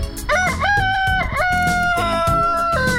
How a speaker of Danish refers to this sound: En hane, der galer i nabolaget. Det er det mest hyggelige lyd nogensinde, synes jeg.